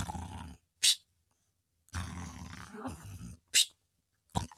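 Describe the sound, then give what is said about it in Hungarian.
A voice imitates the loud snoring of an old sailor asleep on a ship's deck: two long, rough, rumbling snores, each broken by a sharp hissing intake of breath, with a final quick snort at the end. “Öreg tengerész hortyogott a fedélzeten.”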